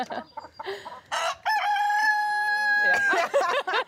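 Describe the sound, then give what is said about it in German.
A rooster crows loudly, one long drawn-out cock-a-doodle-doo lasting over a second, framed by shorter clucking and squawking calls from other chickens; the rooster is newly placed among a flock of 60 hens on a farm. “setzt den Hahn immer wieder auf die Hühnerwiese.”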